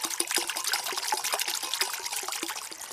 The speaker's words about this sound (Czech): Takhle krásně, tady žbluňka nebo zurčí voda, je tady takový kovový mlýnek a my už jsme na bohlibém místě. Nacházíme se v lesích Maternice, je to nedaleko Hronova.